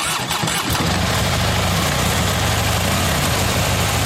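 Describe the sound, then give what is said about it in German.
A Harley motorcycle engine at the Harley Days biker meeting on the Großmarktgelände in Hammerbrook sputters to life, then settles into a loud, steady idle with a deep, throbbing low rumble for several seconds. No one speaks. “Es sind wieder Harley Days. Die Biker treffen sich von Freitag bis Sonntag in Hammerbrook auf dem Großmarktgelände”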